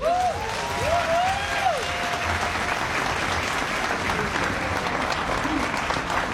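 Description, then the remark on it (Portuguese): Sustained applause from an audience for dancers after performances of Portuguese, Brazilian and Timorese dances: a dense, steady wash of clapping throughout, with a few whistles and cheering voices rising over it in the opening seconds. “O talento, a presença e a boa disposição dos bailarinos arrancaram sucessivos aplausos do público que esteve o tempo todo a sorrir.”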